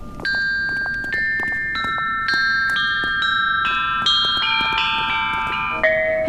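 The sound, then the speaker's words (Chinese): Bronze bianzhong chime bells are struck one after another in a slow melody during a stage performance, about ten ringing, metallic notes that overlap and sustain, with no voices present. “请各位观众欣赏精彩的编钟表演。”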